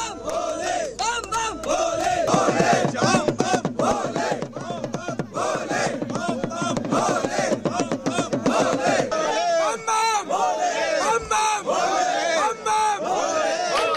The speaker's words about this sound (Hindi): और भक्तों के जयकारे से घाटी इस समय पूरी तरह से शिवमयी दिखाई दे रही है। चारों ओर हर हर महादेव और बम बम भोले के जयकारे गूंज रहे हैं।